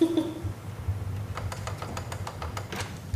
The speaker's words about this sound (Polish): No, teraz musimy poczekać, bo teraz drukarka się musi zapakować i odparkować. Ciekawe odgłosy wydaje. Bardzo.